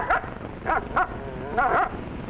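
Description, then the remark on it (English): A dog, the "canine queen" Isabella in a radio ad skit for Autolite spark plugs, lets out a quick series of short, high barks and yips, five or so in an uneven rhythm, fairly loud, with no one talking. “So then our canine queen took command of the situation and said, I'll pawn all of my jewels for a set of those new wide-gap Autolite resistor spark plugs.”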